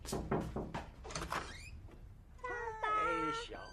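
The front door of a family home swings open with a drawn-out, squeaky creak that wavers in pitch, following a few short knocking or rattling sounds at the start.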